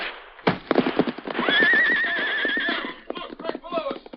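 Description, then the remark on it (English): Silver, the Lone Ranger's great white stallion, gives a loud, wavering whinny over steady, rapid clip-clopping hooves that continue throughout, with voices briefly audible beneath the galloping. “Knowing that Silver, his great white stallion, possessed instincts that were infallible in emergency, the Lone Ranger swerved suddenly and leaped for the horse's back.”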